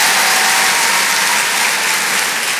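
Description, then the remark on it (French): Steady, dense applause from an audience, a continuous crackle of many hands clapping at a loud, even level throughout, with no voices on top. “Merci, merci, mais vous savez, ça devrait tellement être normal, il ne faudrait même pas les applaudir, ces filles.”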